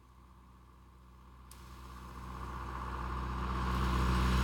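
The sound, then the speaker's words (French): A tractor engine on a road rumbles closer, its low chugging drone growing steadily louder as it approaches, with no voices present. “Non, c'est un tracteur.”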